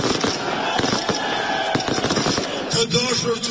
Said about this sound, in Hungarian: Albin Kurti pártja a választások éjszakáján ennek ellenére tűzijátékkal ünnepelte a győzelmet.